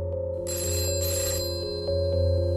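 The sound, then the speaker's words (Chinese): A telephone bell rings steadily and fairly loud, its bright metallic trill holding over a low background hum for a couple of seconds, with no voices present. “吴先生，电话。”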